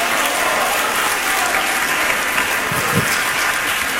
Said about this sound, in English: Clap your hand, clap them, and say, praise the Lord.